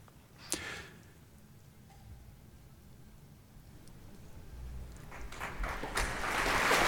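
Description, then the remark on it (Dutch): A concert audience in London begins applauding conductor Ryan Bancroft of the BBC National Orchestra of Wales, the clapping starting as a faint patter and swelling into a dense, loud wash of applause over several seconds, with no voices. “Het applaus is voor de dirigent Ryan Bancroft.”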